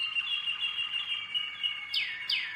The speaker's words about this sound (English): Some birds sing, you know, 13, 14 different songs, and whether they'll sing them all in one day is depends on the bird.